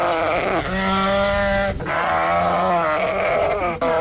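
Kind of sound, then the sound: animal, sheep bleating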